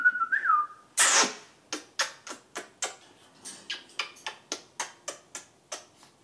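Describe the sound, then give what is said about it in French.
A pet bird named Jaco whistles a short wavering tone, then a loud burst of noise, followed by a steady series of about fourteen sharp clicks in an even rhythm, like ticking. “Et normalement faut avoir des papiers avec ce genre d'oiseau.”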